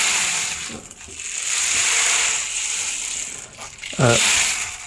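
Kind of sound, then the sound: rainmaker-like percussion instrument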